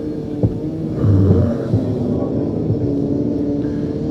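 Steady low machinery drone and rumble of roadworks outside, including a drill, with a louder throbbing surge about a second in and a few faint knocks over the continuous hum. No one speaks.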